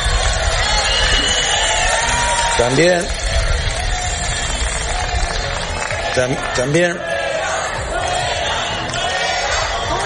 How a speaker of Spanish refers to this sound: Son los abucheos a la ministra de Seguridad Social y de Migraciones, la señora Alma Sáiz, que ayer se encontraba en Melilla con motivo del Día de Melilla. Los ministros son reprobados allá por donde pasan.